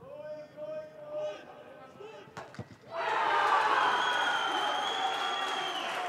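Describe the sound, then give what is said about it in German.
A commentator's voice over faint crowd murmur, then a few sharp thuds before a large stadium crowd erupts into a loud, sustained roar of cheering at a goal scored for Meppen in Germany's third division, holding steady to the end. “Dort macht er mit Toren wie diesem auf sich aufmerksam.”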